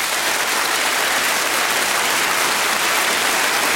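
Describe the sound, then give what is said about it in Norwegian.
Steady applause from a crowd for the musician of a summer song, a dense, even wash of many hands clapping for several seconds with no pauses and no voices. “og jeg tenker at han fortjener vel litt applaus. Skal vi ikke kjøre på litt?”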